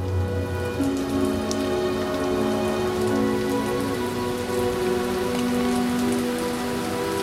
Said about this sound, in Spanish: La gente abre los paraguas. El agua cae sobre César